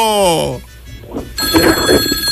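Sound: telephone ringing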